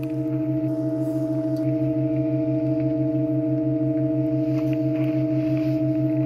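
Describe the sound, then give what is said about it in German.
A steady sustained organ chord of several held tones, with a pulsing low note beneath, and a higher pitch joining partway through as a newly installed pipe, the A, is added to make an eight-note chord; no one speaks. “Ja, ich hoffe, man hört es, wie das A dazu kommt.”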